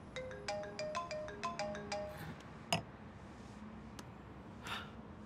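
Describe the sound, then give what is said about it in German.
A mobile phone ringtone plays a quick, bright melodic pattern of repeated electronic beeps for about two seconds, then cuts off, followed by a sharp click and a few faint rustles. “Du drückst mich einfach weg? Nein, ich habe mein Telefon gar nicht dabei.”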